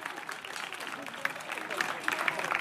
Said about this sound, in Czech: Takže zatleskejte prosím zvukařům.